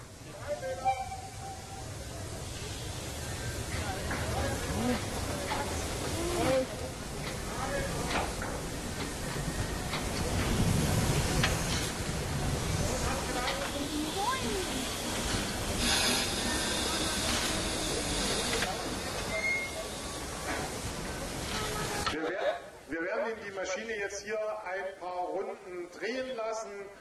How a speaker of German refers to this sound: Und wenn eine Dampflok lange stand, werden diese Ventile bedient, der Zylinder nochmal mit Dampf erhitzt, sodass es dort kein Kondenswasser mehr drin gibt und Schäden am Zylinder vermieden werden.